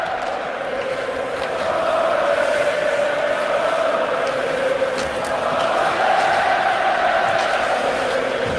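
A large hockey arena crowd in Montreal roars and cheers, with the Canadiens leading the Predators 2-0, in a steady, dense wash of noise that swells slightly after the first couple of seconds and stays loud throughout, with no clear individual voices.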